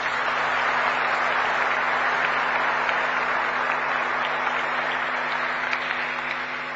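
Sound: audience applause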